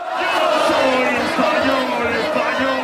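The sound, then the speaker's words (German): About 6,000 football fans cheer and shout together at a public viewing on Plaza de Colón in Madrid, Spain, celebrating Spain's win over France to reach the final. A loud, continuous roar of many voices goes on without pause. “So jubelt Spanien sich ins Finale.”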